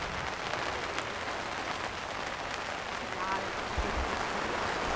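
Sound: rain falling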